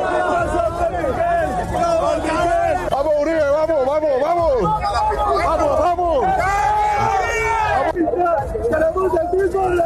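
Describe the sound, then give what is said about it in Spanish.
A crowd of people shouting at a man in a blue cap, several raised voices overlapping in a loud, continuous din with rising and falling yells throughout. “Ah, que le están gritando ahí provocadores.”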